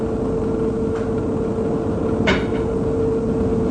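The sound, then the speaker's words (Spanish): Two dry, rhythmic wooden knocks of Commander O'Connor's peg leg striking the floor on the other side of a door land about a second apart over a steady background hiss and hum, the second tap sharper and louder than the first. “Mi oído agudizado por la necesidad percibe el ruido seco y acompasado de su pata de palo.”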